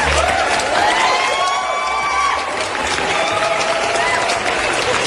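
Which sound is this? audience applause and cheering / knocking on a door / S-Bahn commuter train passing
audience applause and cheering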